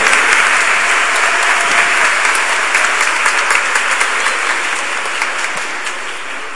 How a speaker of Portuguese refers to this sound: Quem tem o número 53? Ganhou a Bíblia. Dá uma salva de palmas para ela, gente.